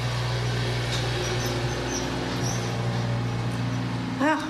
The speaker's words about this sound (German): Wenn Sie das da hinten hören, so dieses brummende Geräusch, es ist mal wieder ja eine liebe Frau, die den Rasen mähen muss auf dem Sportplatz.